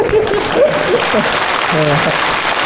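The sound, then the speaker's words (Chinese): An audience claps steadily for a few seconds after a performer asks for applause, a dense crackling wash of applause with some voices and laughter rising over it. “给你大姑鼓鼓掌。”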